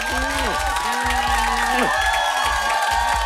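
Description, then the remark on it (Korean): A standing ovation on the Cultwo Show radio program: a crowd cheers and applauds steadily, a dense wash of clapping and shouting with rising and falling whoops, loud and continuous throughout. “기립박수.”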